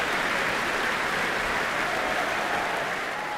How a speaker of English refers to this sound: Ka-Chun Wong in the middle of the orchestra doing this, making sure each member of the orchestra gets their due applause. A tremendous performance of the Second Symphony.